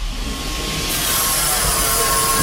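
A high-speed elevator moving at 2.5 metres per second climbs to a viewing platform on the 7th floor, heard as a steady loud rush of mechanical noise with a thin constant hum; the whoosh brightens and thickens about a second in, with no voices.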